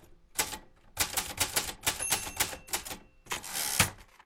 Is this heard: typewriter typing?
yes